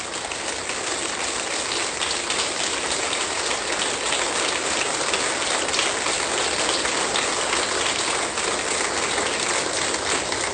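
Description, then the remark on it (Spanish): An audience applauds in a dense, steady wash of clapping that holds an even loudness for about ten seconds, with no voices rising above it. “Y si usted, amén, suelte el aplauso.”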